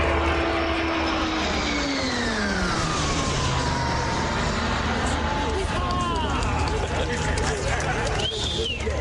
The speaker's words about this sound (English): And the Royal Canadian Air Force welcomed the first two of its new fleet of training aircraft, the CT-157 Siskin II, with a ceremonial flypast today at the airport in Gatineau, Quebec.